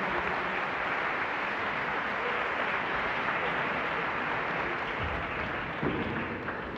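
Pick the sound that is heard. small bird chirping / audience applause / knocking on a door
audience applause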